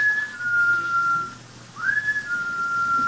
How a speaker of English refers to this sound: What could that be? That whistle? Yes. Oh, I imagine it's just one of the fellas outside or something. Oh, it sounded as though it were right here in this house. It sounded as though it was in the cellar.